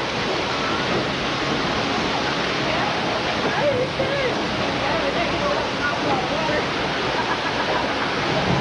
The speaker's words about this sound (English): The flood was started when we opened the gates to three holding tanks on top of the canyon, setting 70,000 gallons of water hurtling